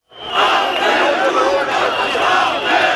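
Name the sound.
protest crowd chanting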